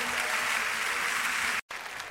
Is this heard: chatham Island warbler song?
no